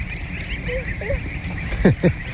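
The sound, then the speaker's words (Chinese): Geese honk, a couple of short harsh calls near the end after a few softer squeaky notes, over a steady background hum. They are grey-feathered geese bred for foie gras in Linqu and raised listening to music, a cross of the greylag goose and a French breed. “你看这个鹅，它跟我以前见过的都不太一样，头上是亮黄色的，然后就特漂亮。”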